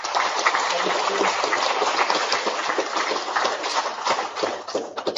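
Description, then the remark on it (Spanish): A crowd applauds steadily to welcome a missionary sister, the superior of the sisters' delegation. The applause is a dense crackle of many hands clapping at once, holding an even loudness throughout without pause or talk. “Un aplauso para ella.”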